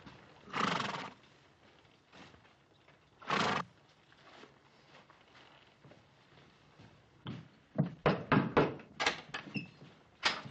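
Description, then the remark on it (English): Horses whinny loudly a couple of times, then a flurry of hoofbeats clatters as a detail of several mounted soldiers from Fort Dayton arrives and halts, the animals shuffling, with another neigh breaking through near the end. “Detail, dismount. Stand to your horses.”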